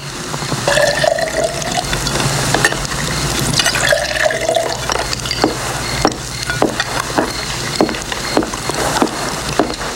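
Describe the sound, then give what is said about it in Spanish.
Fresh drinking water is poured into a vessel in two short bursts, the splashing tone climbing as it fills, followed by scattered drips and light knocks against a steady background hiss. “¿Quiere agua fresca?”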